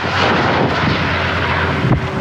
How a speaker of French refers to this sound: Sur place, 700 sapeurs-pompiers sont mobilisés, accompagnés par d'importants moyens aériens. Des hélicoptères bombardiers d'eau, des canadaires, mais aussi des avions Dash.